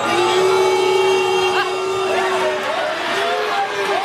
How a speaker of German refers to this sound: Die einen buhen schon, bevor Brasiliens einziger Superstar Neymar überhaupt zum Schuss für den letzten Elfer ansetzte. Andere klatschten zumindest noch, auch wenn klar ist, ein Tor reicht nicht.